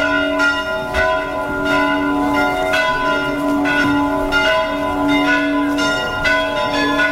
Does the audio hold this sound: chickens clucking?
no